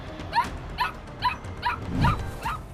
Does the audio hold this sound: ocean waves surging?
no